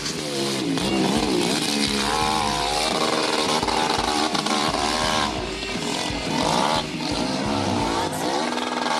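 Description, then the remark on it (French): A loud hill-climb competition motorcycle engine revs hard throughout, its buzzing pitch climbing and dropping repeatedly as the rider works through the gears without a break. “Un litre, parce que la moto, elle roule pendant combien de temps ?”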